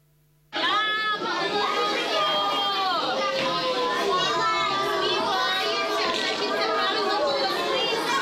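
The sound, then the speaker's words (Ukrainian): Many children's voices chatter and call out at once in the shelter of Chernihiv Gymnasium No. 2 during an air raid alert, where four primary classes study at the same time: a steady, loud babble that starts abruptly and continues without pause. “У цьому укритті Чернігівської гімназії номер 2 під час повітряної тривоги одночасно навчаються 4 класи початкової ланки.”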